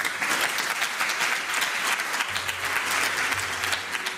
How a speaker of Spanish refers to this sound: Ahí está el coro de ministros aplaudiendo.